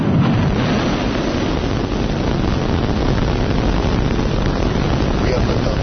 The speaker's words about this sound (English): Last night, the latest iteration of the spacecraft blasted off from a new launch pad in South Texas, powered by 33 of the company's Raptor engines. 5, 4, 3, ignition.